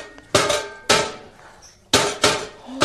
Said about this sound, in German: Geben Sie mir mal schnell einen Hammer, ja? Ja, schnell.